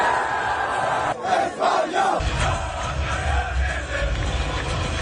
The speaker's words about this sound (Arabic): فرحة الجمهور مع اللاعبين وملك إسبانيا الذي تواجد بالمباراة.